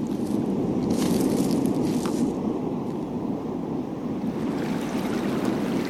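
Steady roar of sea waves crashing continuously below a cliff, loud and broad, with surges of spray and a constant rumbling wash beneath, heard alone without voices.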